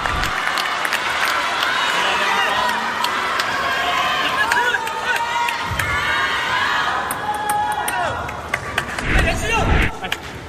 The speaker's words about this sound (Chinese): 是非常罕见啊，大家能听到现场观众的一片哗然的声音